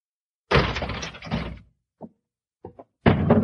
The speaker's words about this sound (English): We'll open the door.